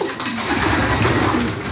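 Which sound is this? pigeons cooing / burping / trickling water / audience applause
pigeons cooing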